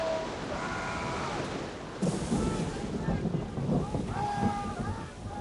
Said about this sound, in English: A few days into our voyage, the weather turned, and we battled a storm that would rival any I have ever seen. And it lasted for what seemed like an eternity, several days for sure, and delayed our arrival.